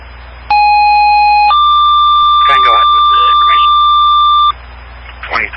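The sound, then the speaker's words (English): Fire dispatch disregard alert tones over a radio, cancelling a fire alarm call that the alarm company reported as a false alarm: a steady one-second tone steps up to a longer, higher three-second tone, loud and clean above static, with faint chatter briefly underneath. “Clear, stand by for disregard tones.”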